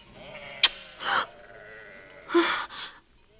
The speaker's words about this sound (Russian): А это овцы твоего отца Лавана.